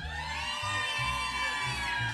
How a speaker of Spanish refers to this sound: Bueno, pues estamos esta tarde aquí muy, muy felices de estar compartiendo con toda la gente de San Jerónimo. Y de verdad, a ver que se escuche el grito de San Jerónimo.